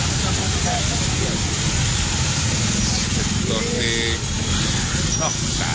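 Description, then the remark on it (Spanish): Steady, dense roar of congested, gridlocked street traffic with rumbling engines, a constant wash of vehicles and a brief higher tonal whine or horn-like sound partway through. “Colapsado el tráfico a esta hora.”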